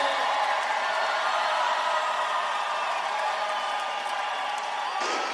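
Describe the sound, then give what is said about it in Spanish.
A large crowd of Paraguay supporters roars and cheers for coach Alfaro in a dense, steady wash of many voices, staying loud and unbroken throughout with scattered shouts rising above the noise. “El grito para el profe Alfaro.”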